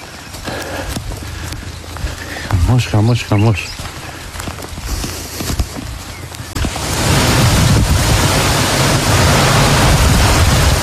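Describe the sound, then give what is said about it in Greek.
Heavy hail clatters down in Olympiada, Elassona, in the Larissa area of Greece, in a dense patter of sharp impacts while a voice briefly exclaims. After a few seconds the downpour swells into a loud, steady roar of hail and heavy rain. “Χαλάζει έντονο.”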